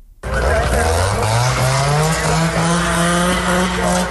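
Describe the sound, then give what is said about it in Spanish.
A loud chainsaw engine roars steadily and rises in pitch as it revs into a cut, a continuous buzzing whine that fills the whole clip, during night ground operations against the wildfire at Burgohondo in the Alberche Valley, Ávila, Spain. “Por tercera madrugada consecutiva, el sonido de los motosierras y el crepitar del fuego han roto el silencio de la noche en el Valle del Alberche.”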